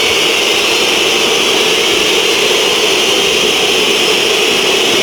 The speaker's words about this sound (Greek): Ακούτε τις αποδοκιμασίες μέσα στις οποίες προσπαθεί να αναπτυχθεί η ΛΑΣΚ.